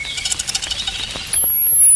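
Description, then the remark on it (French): A common whitethroat gives a short, scratchy burst of rapid chattering notes, fairly loud, followed by a thin, steady high-pitched whistle that holds to the end. “Ouais, ça fait grisette, on va attendre un peu. Fauvette grisette.”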